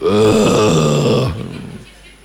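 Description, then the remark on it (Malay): A man's voice imitates a sleeping man growling like a tiger or lion, a loud, rough, low roaring rumble with strained harmonics lasting over a second before fading into a breathy tail. “Dia tidur dia jadi rimau dengan singa.”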